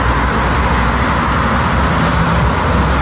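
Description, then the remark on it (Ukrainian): A continuous, steady rumble of car engines and road noise from a queue of cars at a fuel station in Russia, stretching hundreds of metres, with drivers pushing their cars toward the pumps; no voices stand out. “Черги за пальним розтягуються на сотні метрів, і у них водії штовхають машини до заправок, щоб заощадити, бодай, те, що лишилося в баку.”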